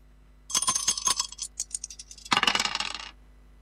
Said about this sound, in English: Let's throw the dice and see which one we're going to play out of this one.